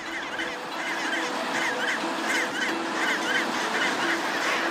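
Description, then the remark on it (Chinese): A dense chorus of chinstrap penguins calling across a breeding colony, where many first-time breeders are choosing mates from the crowd, with many raucous, honking cries overlapping in a steady, loud din and no pauses. “许多帽带企鹅是初次繁殖，它们要从一大群同类里选出合适的对象，这一步非常重要，帽带企鹅需要耐心挑选。”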